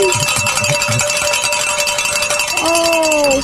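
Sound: bells ringing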